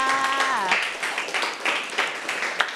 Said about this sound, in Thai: โอ้โหเยี่ยมเลยค่ะปรบมือให้เพื่อนค่ะ